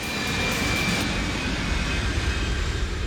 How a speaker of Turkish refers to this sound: Bu dünya üzerindeki en büyük ve en güçlü jet motoru.